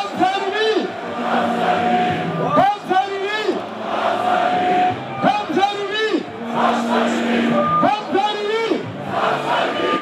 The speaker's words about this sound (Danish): Ja, nede i menneskemængden, som vi kan høre råbe, der stod en af de allerstørste AGF-fans,